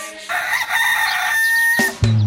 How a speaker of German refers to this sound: Wie täglich ruft der stolze Hahn, so täglich man hier essen kann.